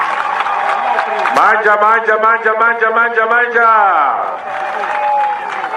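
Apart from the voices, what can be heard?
rally crowd applauding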